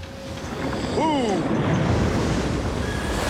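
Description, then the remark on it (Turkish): Steady rushing wash of sea waves against a boat in water 6 metres deep, with gusty wind buffeting the microphone and a brief voice-like tonal sweep partway through. “Su daha düz olacaktır ama bu tarafa doğru giderken bu şekilde dalga devam edecek.”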